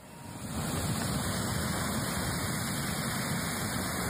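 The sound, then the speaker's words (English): A loud, steady roar of rushing water builds within half a second and then pours on without pause as a geyser erupts, a tower of water shooting skyward at sunrise on a 5-degree morning. No voices can be heard. “the tower of water reaches into the sky, then catches the first rays of the rising sun.”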